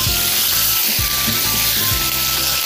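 Wine is poured into a hot wok over high heat while cooking jiang bao rou (sauce-fried pork) and erupts into a loud, continuous sizzle that hisses steadily throughout, with low scraping and rumbling from stirring underneath and no voices.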